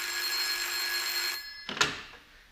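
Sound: telephone bell ringing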